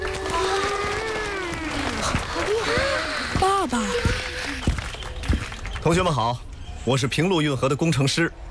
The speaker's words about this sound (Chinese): 今天呢，我们专门请到运河建设指挥部的工程师叔叔来给大家讲一讲运河背后的故事。大家掌声欢迎。